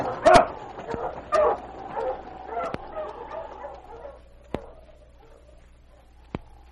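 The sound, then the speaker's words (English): Sled dogs pulling a sled toward Dawson bark and yip, a few loud sharp barks early on giving way to softer whining yelps, with a couple of isolated sharp barks near the end. “When he reached town, he unharnessed his dogs and back of the Palace Hotel, turned them into the run, and went directly to Northwest Mounted Headquarters.”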